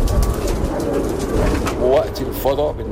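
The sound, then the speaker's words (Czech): About 200 bred pigeons coo in soft, low bursts at a 13-metre wooden-beam pigeon tower on a rooftop in an old Cairo quarter, over a steady outdoor hum, with a couple of clearer calls near the end. “Jedinou mojí zábavou ve volném čase jsou holuby.”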